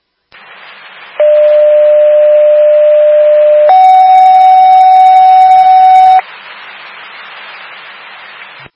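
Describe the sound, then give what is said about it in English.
A fire dispatch alert tone over radio static for Fire Alarm Station 25, sent for a residential smoke detector activation at 4 Carlin Lane: a steady lower tone holds for about two and a half seconds, then jumps to a louder, higher tone of similar length before the hiss returns. “Fire alarm station 25, respond to the residential smoke detector activation 4, Carlin Lane.”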